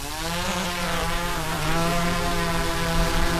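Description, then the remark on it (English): A steady, high-pitched mechanical buzz with a dense stack of harmonics from a drone hovering in flight to gather footage of the eroding coast, holding a constant loud level with slight wavering in pitch and no voices. “A new initiative driven by Flinders University researchers will enlist local citizen scientists to gather drone footage of the eroding coast.”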